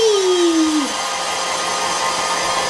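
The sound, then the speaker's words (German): A hair dryer blows with a steady, loud rush of air while drying someone's hair, its motor whine dropping in pitch at the start before settling into an even roar. “Gut, jetzt mal deine Haare föhnen.”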